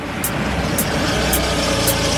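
A car pulls up and its engine idles steadily, a continuous low rumble with faint periodic high ticks recurring about every half second. No voices are present.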